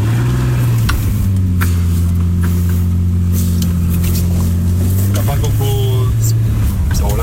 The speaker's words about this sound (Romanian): E mașină. A? Asta e mașină, frate.